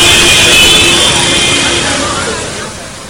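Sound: road traffic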